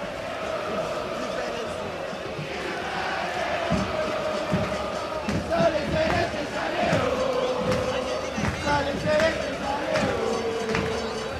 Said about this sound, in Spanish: Para los que estamos aquí presentes, para los medios de comunicación, Estación Celeste es el grito, es el ambiente lleno de fútbol.